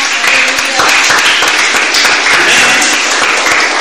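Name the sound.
audience applause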